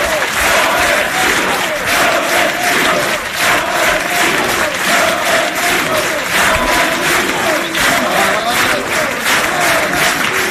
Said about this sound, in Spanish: Aplauso de Ronaldo, de Roberto Carlos en el escenario, mientras Florentino saluda.